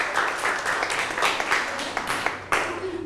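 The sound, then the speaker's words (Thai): A classroom of students claps together for a few seconds for a group of classmates, a dense patter of many hands with a few sharper claps standing out, steady throughout. “นั่งลงครับปรบมือให้กับเพื่อนหน่อยครับ”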